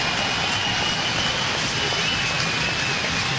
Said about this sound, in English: The roar of the crowd.